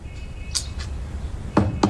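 Someone knocks on a door: two lighter raps, a short pause, then two heavier thuds. No voices, just quiet around the knocks.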